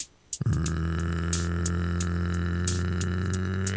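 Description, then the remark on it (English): A voice imitates a big North Texas bullfrog with one long, deep, guttural croak, held for over three seconds at steady loudness, with a rough, crackling rattle running through it. “you sound like a croaking frog, like a big old bullfrog in North Texas, the kind that go”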